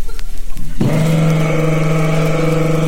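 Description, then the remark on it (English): A small Volkswagen car engine kicks in after a brief rustle and settles into a loud, steady droning hum with a buzzy, rattly tone, continuous to the end. “So here comes a guy in a VW.”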